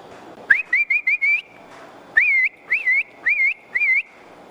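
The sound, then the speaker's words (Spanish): A human herding whistle used to call a milk cow toward the corral, loud: two bursts of about five sharp, rising whistled notes each, separated by a brief pause, with no talking. “Ese era el silbido.”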